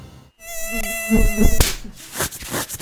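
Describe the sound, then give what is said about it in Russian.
A mosquito whines in a thin, high-pitched drone for about a second, then a sharp slap cuts it off, followed by soft rustling. “Избавиться от зуда может быть проще, чем от комара.”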